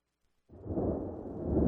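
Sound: thunder rumbling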